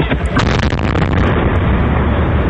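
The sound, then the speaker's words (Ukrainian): A loud explosive blast as police in Kherson, Ukraine, shoot down a drone with small arms and it falls, with a couple of sharp bursts early on, followed by a heavy, sustained rumble that fills the rest of the moment without fading. “Поліцейські збивають безпілотник зі стрілецької зброї. Падає!”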